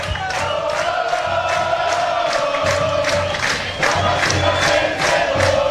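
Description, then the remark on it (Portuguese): A packed stadium crowd of football fans supporting the Democrata team roars and chants continuously, voices blending into a loud, dense wall of cheering with rhythmic surges and steady low drumming underneath. “Você escuta ao fundo aí a torcida inflamada, torcendo bastante para a equipe do Democrata, querendo mais, pedindo mais um do Jacaré.”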